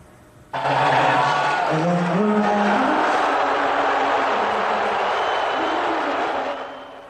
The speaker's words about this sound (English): You could hear the crowd audibly erupt when President Trump appeared on the Jumbotron as he joined the Knicks owner and his granddaughter, Kai Trump, in a box seat.